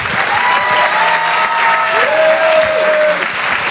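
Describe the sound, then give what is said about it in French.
Steady, dense audience applause at a Rire et Chanson comedy show for comedian Anthony Adorandagi fills the whole stretch, a broad crackling wash of many hands clapping at constant loudness, with a few thin whistling tones rising above it. “Anthony Adorandagi, on peut merci l'applaudir très, très, très, très fort.”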